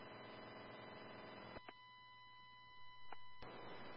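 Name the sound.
telephone busy signal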